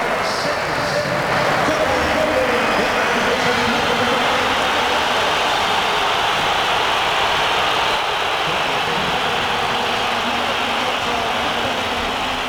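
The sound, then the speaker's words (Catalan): A large stadium crowd of Atlético de Madrid fans boos loudly and steadily, a dense, unbroken wall of jeering voices that holds at the same intensity without letting up, as Diego Simeone brings on Julián Álvarez with the score at 1-1 in a match against Villarreal. “Durant el partit i amb l'1-1 al marcador, Simeone ha fet entrar Julián Álvarez i l'afició matalassera ha respost amb una esbroncada. La sentim.”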